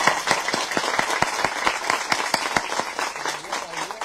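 applause

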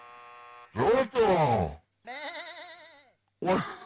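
sheep bleating

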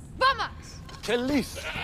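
goat bleating

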